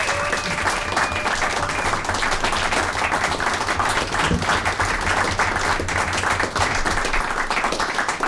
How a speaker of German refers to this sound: Das heißt, erstens einmal einen riesengroßen Applaus für das neue Organisationsteam der Jazzwerkstatt Graz